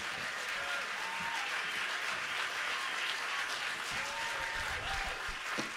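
A crowd applauds steadily for several seconds, a dense wash of many hands clapping at once, with faint cheers rising now and then through the noise.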